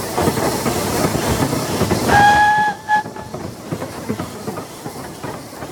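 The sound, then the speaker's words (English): A train rumbles steadily along the tracks, with a short, bright whistle sounding partway through before the clattering roll carries on. No one speaks. “You're probably too old to remember, but there was a time when practically every triangular acre of country was carved up and crisscrossed by railway.”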